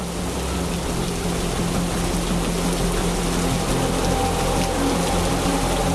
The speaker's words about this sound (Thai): โอ้โหดูที่ทะเลสิคลื่นสูงมากลมแรงมากเลย ฝนเริ่มตกคลื่นกระทบฝั่งแรงแล้วก็สูงมากเลยนะ ไอ้แบบนี้เขาเรียกว่าคลื่นพายุซัดฝั่งน่ะ